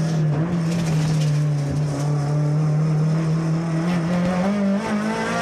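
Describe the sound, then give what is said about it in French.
A race car engine screams at about 8000 rpm under full throttle from a standstill, a loud, steady, buzzing drone held for several seconds with its pitch creeping slightly upward near the end. No voices. “Quel bonheur de l'entendre à 8000, ce 8008, ce moteur.”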